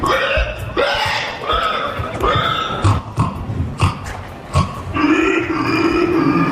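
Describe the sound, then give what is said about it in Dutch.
People loudly imitate a squealing pig with their voices at a pig-imitation contest in a town in southern France, contestants dressed as pigs; a run of harsh, grunting squeals and shrieks in bursts one after another, intense, with no clear speech. “Daar doen ze namelijk een krijzend varken na.”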